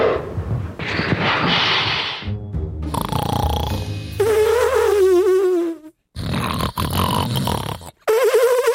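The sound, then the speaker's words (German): A sloth in distress hisses in harsh, breathy bursts with raspy snorting, then lets out a wavering, high-pitched whining cry, with a few brief silent gaps between the fairly loud sounds. “Aber wenn sie wirklich in Not sind, wehren sie sich mit ihren scharfen Krallen und können tatsächlich fauchen.”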